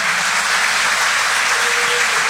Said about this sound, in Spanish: Ese aplauso interminable y que bien merecido lo tienen.